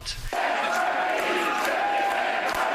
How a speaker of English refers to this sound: Quebec, a country, chanted the crowd at PQ headquarters.